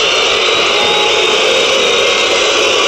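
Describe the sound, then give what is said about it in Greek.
A football stadium crowd at OAKA boos loudly after a clear foul on Kyriakopoulos in a Panathinaikos match against Kralove, a dense, unbroken roar of many voices that holds steady for the whole three seconds with no one speaking over it. “Γι' αυτό ακούτε και τις αποδοκιμασίες του κοινού στο ΆΚΑ.”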